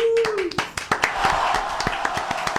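An audience claps for a couple of seconds, the sharp, uneven slaps overlapping into lively applause, with a brief sliding tone fading out at the very start.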